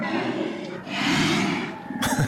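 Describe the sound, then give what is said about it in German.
Deep, rumbling calls of brown bears in Katmai National Park, Alaska, swell and fade over a couple of seconds, a rough growling roar with breathy texture, ending in a sharper snort-like burst. “Ja, das sind Bärenrufe.”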